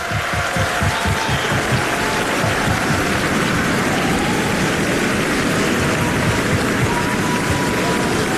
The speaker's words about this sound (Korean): 네, 다시 한번 멋진 무대를 보여준, 감동적인 무대를 보여준 우리 어린이 합창단에게 큰 박수 보내주시기 바랍니다. 네, 기립박수가 이어지고 있습니다.